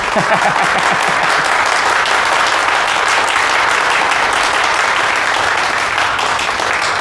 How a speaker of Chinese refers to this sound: 下面，我就请蒋公绰处长隆重的宣读蒋夫人的电文，请大家掌声鼓励。